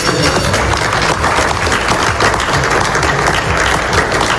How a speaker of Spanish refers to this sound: Una firma que Donald Trump ha rubricado en el Palacio de Versalles, en Francia, donde el mandatario estadounidense estaba participando en la cumbre del G7. Este era el momento de esa firma que aplaudía a su lado el presidente Macron.